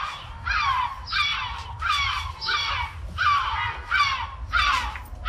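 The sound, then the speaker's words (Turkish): A herring gull (Gümüşmartı) calls over and over, about eight harsh, nasal yelping cries in a steady rhythm, each one sliding downward in pitch, with a low rumble of background noise underneath. “İzmir'de de 3. sırada Gümüşmartı ve İzmir.”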